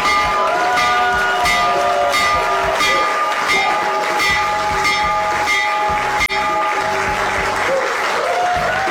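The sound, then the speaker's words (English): A loud, continuous electric bell, rung by President Donald Trump in the Oval Office to open trading on the New York Stock Exchange and NASDAQ, rings steadily for several seconds while a crowd applauds and cheers throughout, the clapping dense. “President Donald Trump ringing the bell for the New York Stock Exchange and the NASDAQ to open up trading as part of his event to bring attention to the excellent idea called Trump Accounts.”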